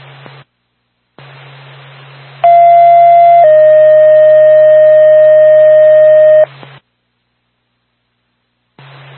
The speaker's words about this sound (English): Twin State Woodstock Fire Department, second tone, 1417 Daniel Webster Highway in Woodstock for motor vehicle fire, approximately 10 feet from the building.